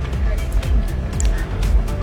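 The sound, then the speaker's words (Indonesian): Buses, including Tentrem and Restu buses, idle at Terminal Arjosari, their engines making a steady, loud low rumble that carries on throughout, with voices talking over the drone. “Lagi-lagi bis ngetem di Terminal Arjosari kawan.”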